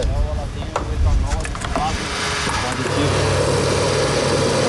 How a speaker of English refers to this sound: In Brazil, a car pulls up to a gas station. Everything looks the same, but something is different.